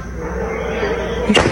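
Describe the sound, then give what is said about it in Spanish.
One sharp gunshot crack rings out near the end, cutting through a steady wash of outdoor background noise, with no voices. Recorded on a video by neighbors in Fobiste Ojo de Agua. “ya lo vio en pantalla, pero lo vamos a reproducir con audio para que tenga usted la certeza de que sí hubo disparos.”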